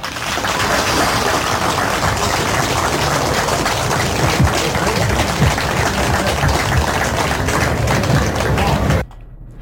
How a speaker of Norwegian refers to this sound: Og så er det fint om nå tenker dere på sin plass og gir dere alle en stor applaus.